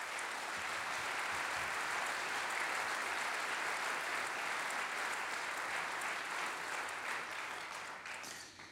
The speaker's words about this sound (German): Und ja, also großer Applaus bitte.